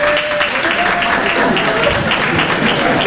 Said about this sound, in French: 300 personnes, t'entends la tristesse de l'applaudissement, comment elle est triste ? Voilà. C'est pas un applaudissement, ça, c'est du morse que t'as fait. T'as fait SOS, SOS.